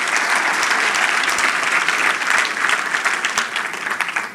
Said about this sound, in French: Je pense que ça mérite un main d'applaudissement. OK? Pour toutes ces années.